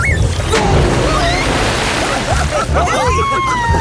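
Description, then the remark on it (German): Water sloshes and splashes heavily and continuously as friends jump into a water hole used as a swimming pool, surging over the edge and emptying half the basin, with excited high-pitched voices calling out over the churning. “Du hast dir das halbe Becken leer gemacht.”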